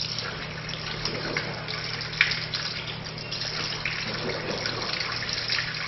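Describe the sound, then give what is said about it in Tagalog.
Tap water runs steadily throughout with a broad, hissing flow, broken by soft splashes and gurgles as someone rinses their mouth three times as part of a ritual washing, with one brief sharper splash near the middle. “Magmumog ng 3 beses.”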